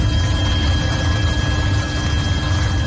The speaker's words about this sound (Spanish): Sonido de los helicópteros, el fuego de madrugada ha avanzado un poco, ha bajado de intensidad.